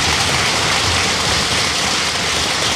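An audience applauds, a dense, steady wash of many hands clapping that stays loud and even for about three seconds with no voices over it.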